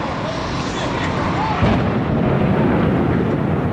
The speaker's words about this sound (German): Um 8.46 Uhr Ortszeit schlägt ein Flugzeug mitten in den Nordturm des World Trade Centers im Finanzzentrum von New York City ein.